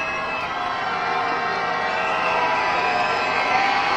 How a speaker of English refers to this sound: It's a lively crowd here at Davos Park, cheering on the comeback.